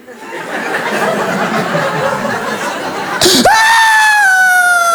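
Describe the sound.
After a few seconds of crowd laughter and murmur, a voice abruptly lets out a loud, high, sustained wail imitating a baby girl's screaming cry, holding steady and dipping slightly in pitch.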